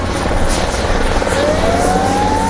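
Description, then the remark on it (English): A helicopter roars, its rotor thudding steadily under a dense wash of engine noise, with a thin whine rising in pitch over the last second, as helicopters drop water on a wildfire in the Andalusia region of Spain. No one speaks. “Helicopters and planes have been dropping water on the blaze as firefighters try to bring it under control with the help of the military.”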